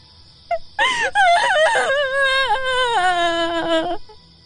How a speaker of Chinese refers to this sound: 一阵凄惨的哭声，犹如惊雷炸响，划破寂寥，在高远的夜空久久回荡。